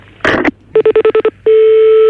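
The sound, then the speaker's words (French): A brief rustling clatter, then seven quick, evenly spaced telephone keypad beeps, followed by a steady, continuous line tone as the call starts to ring through. No one speaks. “Il est en train d'essayer de vous joindre au téléphone, donc on vous demande très rapidement de raccrocher et d'attendre son coup de fil.”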